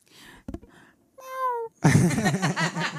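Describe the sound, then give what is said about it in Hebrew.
A woman imitates cat sounds by herself: a few soft vocal sounds, then a clear, drawn-out meow, followed by a louder, wavering yowl-like meow that carries to the end. “ביצוע שלם ומלא בילולות וקולות של חתולים. שאני עושה לבד.”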